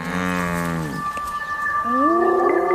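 A distressed prey animal, still alive while lions feed on it, bellows loudly: a long, moaning cry that slides downward, a brief pause, then a second groaning call that rises in pitch.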